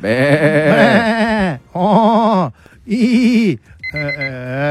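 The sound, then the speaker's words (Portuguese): A goat bleats three times in quick succession, loud, each call a wavering, quavering cry, followed by a brief higher electronic tone at the end. “Ah, então vai bode pra você.”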